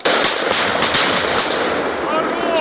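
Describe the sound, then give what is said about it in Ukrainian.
A rapid, uneven burst of loud gunshots, the sharp cracks crowding together over a dense wash of echoing noise for a few seconds, fired during soldiers' close-quarters combat training to clear an enemy sabotage group from a house, in an enclosed space. “Приходилось давити противника вогнем та знешкоджувати вже на місці. Так. Постріл!”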